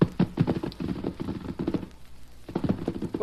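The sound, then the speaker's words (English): Hooves of the horse Silver and his son, a smaller white young horse, clip-clop in a quick, uneven run of hollow knocks, fairly loud, easing off briefly before the clatter resumes, with a low rumbling undertone throughout. “Look at Silver and that young horse.”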